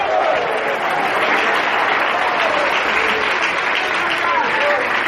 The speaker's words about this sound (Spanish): Denle fuerte ese aplauso al Cristo de la gloria.